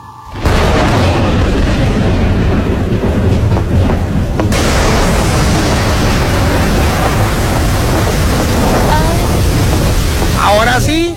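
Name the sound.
rain starting to pour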